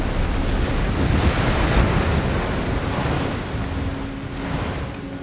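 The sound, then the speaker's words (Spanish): A ship ploughs through ocean waves, a steady, loud rush of churning water and surf with wind noise underneath, continuous for the whole stretch with no voices. “Su barco surca las olas.”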